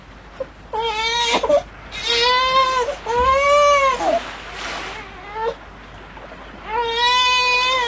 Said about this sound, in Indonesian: Suatu hari ketika Batin Lagoy sedang berjalan menyusuri pantai, tiba-tiba ia dikejutkan dengan suara tangisan bayi dari arah semak-semak pandan.